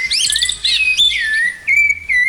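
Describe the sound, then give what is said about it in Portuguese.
A sabiá thrush sings a run of clear, fluting whistled phrases, rising and sliding in pitch, bright, with a faint low hum of background underneath and no talking. “Opa, os sabiá apareceram?”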